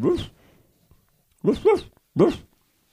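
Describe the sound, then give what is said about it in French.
A voice imitates a dog barking: one short woof, a pause, then three quick woofs in a rough rhythm, fairly loud with no other talk. “Le chien, d'abord, il prend des nouvelles, il fait comment il fait?”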